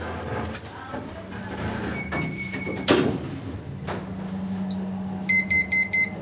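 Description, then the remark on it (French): Lift doors slide shut with a soft thud, then the car's motor hums steadily while a bright electronic chime beeps four quick times near the end. “Fermeture des portes.”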